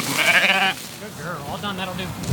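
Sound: sheep bleating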